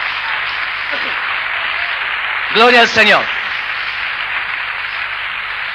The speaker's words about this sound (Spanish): ¿Cuántos aplauden anticipadamente eso? Vamos.